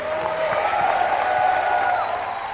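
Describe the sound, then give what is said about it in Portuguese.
An audience claps for Jesus together in a steady, dense wash of applause lasting a couple of seconds, with a few voices sounding faintly underneath. “salva de palmas a Jesus.”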